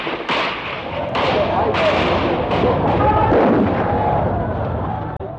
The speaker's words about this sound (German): Doch plötzlich eröffnete derselbe Polizist, der die Tränengasgranate geworfen hatte, das Feuer auf die Schüler.